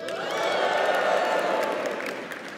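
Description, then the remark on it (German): An audience cheers and applauds after being asked who is under 30, in one sustained wash of noise, with scattered whoops and high shouts rising above steady clapping for a couple of seconds before it eases off slightly. “Könnten wir, die Kamera sieht das nicht, könntet ihr ein Geräusch machen?”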